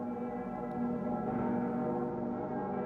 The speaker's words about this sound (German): Bei der Messe zum Weltjugendtag dürfen die Stimmen der Glocke im Kölner Dom nicht fehlen.